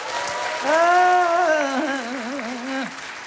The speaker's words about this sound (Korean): 다시 한번 박수 주세요.